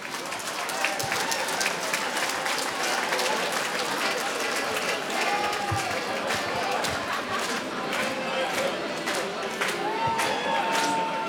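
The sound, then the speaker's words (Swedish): A crowd at Årskogens Folkets Park applauds a nominee steadily for about eleven seconds, a dense wash of clapping at a constant loud level, with cheers and voices mixed in beneath. “Så är en stor applåd”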